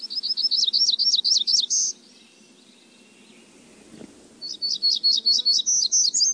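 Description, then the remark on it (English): A hermit warbler sings two bursts of high, buzzy, rapidly repeated notes, each phrase about two seconds long and separated by a short pause, clear against a quiet background. “As well as hermit warblers that breed in the Pacific Northwest.”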